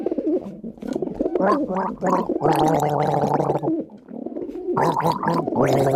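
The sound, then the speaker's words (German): A person gargles water, a loud, bubbly, pitched gurgle that warbles up and down in several bursts over a few seconds, with no talking. “Selbstverständlich, hier sind die Vogel und du darfst gurgeln.”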